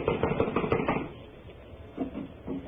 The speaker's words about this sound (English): It's locked from the inside. Well, someone is definitely in there. I am going to knock.